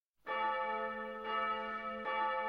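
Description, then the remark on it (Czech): Church bells ring for church as two people enter a town square, three loud strikes, each one a rich, ringing tone whose layered overtones hum on and overlap with the next. No voices are heard. “Už se zváněli do kostela, když oba vcházeli na náměstí.”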